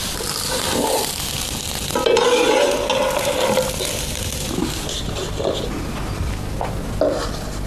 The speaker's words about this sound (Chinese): 玉米面与温水调成面糊，用平底锅盘成薄饼。山野菜与韭菜调成素馅，均匀平摊在薄饼上，用小火慢慢煎熟。